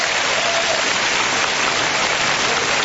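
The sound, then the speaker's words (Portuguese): An audience on a Rádio Deus é Amor religious broadcast claps for God steadily throughout, a dense, even wash of applause with no single claps standing out and no voices, holding the same loudness from start to finish. “Pode levar a Deus umas palmas.”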